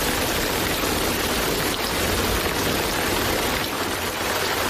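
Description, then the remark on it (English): Steady rain falls in a dense, continuous hiss with no pauses or voices, fairly loud throughout. “It's gonna rain!”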